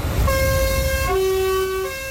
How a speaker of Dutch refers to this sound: Nou, genoeg toeters, hè?